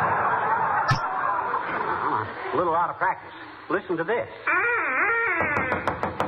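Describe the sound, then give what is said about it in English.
A man speaks briefly, then a duck call imitating a duck's mating call is blown to lure ducks, in a series of nasal, wavering quacks, some short and choppy, others drawn out, loud. “That noise was a duck call”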